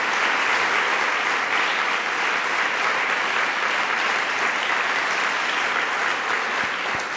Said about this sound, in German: Ich freue mich wirklich sehr über Ihren Applaus für Jürgen Boos.